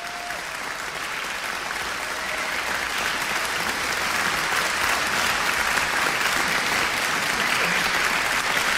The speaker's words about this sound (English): All right, applauses. Hey, s'il vous plaît. Let's clap hand for you.